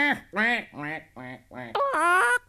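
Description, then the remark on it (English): A person imitates a duck's quacking with about five short, nasal quacks in quick succession, loud, the last one longer and higher. “Will you help me, duck?”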